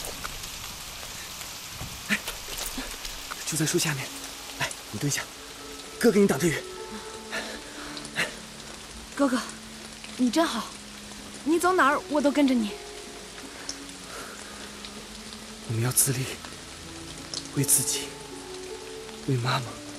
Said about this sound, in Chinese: 下雨了，怎么办呀？走，我们去屋檐下躲躲雨。